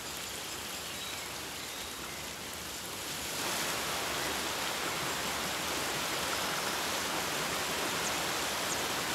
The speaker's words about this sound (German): Regenwasser sammelt sich in vielen kleinen Bächen.